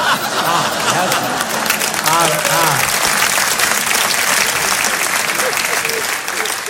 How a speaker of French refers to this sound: Oui, là, hier, ils n'avaient pas applaudi, hein, on voit la différence.